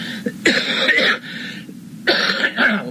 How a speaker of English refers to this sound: pardon me. If I cough once in a while, pardon me, because it's stuff coming up out of my throat here. I don't mean to pop cough in the microphone